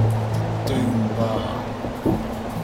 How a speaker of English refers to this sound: I'll tell you what, them winds out there remind me of a storm raised by the mermaid of Padstone.